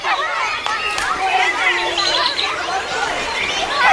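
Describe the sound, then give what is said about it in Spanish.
Outdoor ambience of a lively park, with many people chatting at once in an overlapping babble, filling the whole scene at a steady level. “¿En un parque?”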